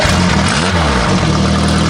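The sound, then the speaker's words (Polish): A small motor engine runs loudly, its buzzing pitch swelling and dropping as it revs briefly before settling back into a steady drone. “Motorek!”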